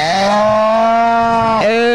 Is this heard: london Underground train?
no